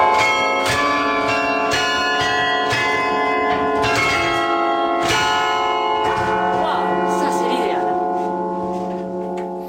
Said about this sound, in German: Die Glocken von Halle beenden die Regionalnachrichten